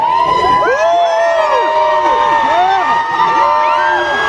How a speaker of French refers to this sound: Et une foule complètement en délire sous le regard ému de la star québécoise